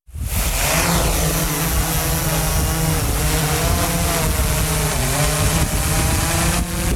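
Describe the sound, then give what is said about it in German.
A drone used for rescuing roe deer fawns flies, its rotors producing a loud, steady buzzing whir with layered tonal hum that wavers slightly in pitch throughout, with no voices. “So tönt eine Drohne.”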